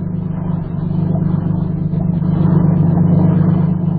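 vehicle, motorboat engine approaching

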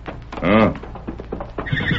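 animal, horse neighing

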